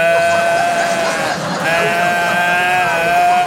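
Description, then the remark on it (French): A human voice imitates a bellowing stag, showing how they bellowed during a two-day childbirth, with two long, loud, strained bellows, held and wavering in pitch, separated by a brief break for breath. “2 jours que j'étais là, bramé comme un cerf.”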